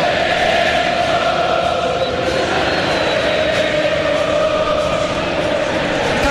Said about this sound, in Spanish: Y se levanta la gente, escucha la gente, escucha el cuervo.